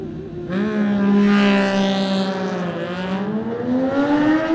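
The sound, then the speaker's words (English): A Triumph racing motorcycle, the Swan machine ridden by Pierre Usbian, roars into life and pulls away as it sets off in a race, its loud harmonic whine climbing steadily in pitch as it accelerates hard, with no talking over it. “Pierre Usbian about to go next on the Swan machine, the Triumph. Have a listen.”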